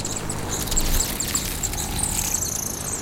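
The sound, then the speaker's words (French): A female hummingbird gives a rapid series of thin, very high-pitched chirps and squeaks over a steady low rumbling background, with no one speaking. “Oh ! Un colibri femelle !”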